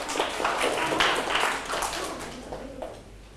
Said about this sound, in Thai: ปรบมือให้เพื่อนถูกต้อง